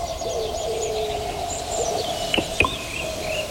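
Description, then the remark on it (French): Birds chirp and twitter continuously in a garden, with overlapping high calls and a steady lower cooing tone, plus two sharp brief clicks near the end. No one speaks. “Dans le jardin, tout va vite. Les oiseaux volent.”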